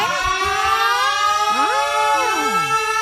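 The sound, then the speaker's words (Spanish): A loud ambulance siren, arriving to pick up a motorcyclist after a crash, wails with its pitch sliding up and down in sweeping glides at a steady, continuous intensity, with no talking over it. “¿Ya llegó la ambulancia? Sí, ya llegó.”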